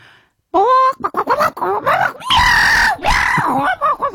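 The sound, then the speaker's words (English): A person loudly imitates a squabble between a chicken and a cat, alternating clucking squawks with screechy yowls in a rapid, frantic burst lasting a few seconds. “I'll do a chicken having a fight with a cat.”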